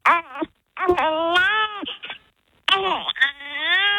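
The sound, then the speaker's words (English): A newborn baby girl cries in three loud wailing bursts, each a strained, quavering howl that rises and falls, separated by brief gasping pauses. No one else speaks. “I love that newborn baby sound.”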